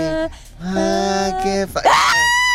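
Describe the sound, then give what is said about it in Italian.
A voice lets out a loud, drawn-out scream with wavering pitch, rising sharply near the end into a shrill peak before tapering off, heard alone. “Poi scatta l'urlo.”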